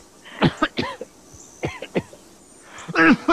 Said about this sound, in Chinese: 咳嗽还厉害。你怎么吐血了？